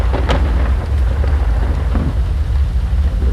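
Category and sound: nature, rain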